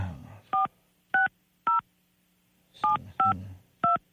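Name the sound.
telephone keypad dialing tones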